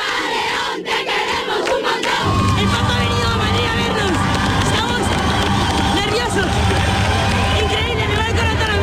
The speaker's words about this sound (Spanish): La acogida ya se sentía en el corazón de la capital, donde el pontífice saludó a los fieles que a su paso ondeaban banderas, pañuelos blancos y cantaban al unísono.